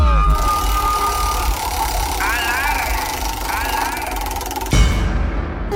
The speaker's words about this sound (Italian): La ruota! La ruota, la ruota gira. Facciamo partire la ruota. Dai.